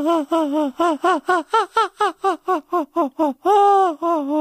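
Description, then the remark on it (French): A voice imitates a cat crying, the crying of the character Miaou Miaou, in a quick run of short, whiny sobbing yelps, one after another. A longer drawn-out wail follows, then a few more sobs, loud. “Et il se met à pleurer et à pleurer et à sangloter et à faire comme ça.”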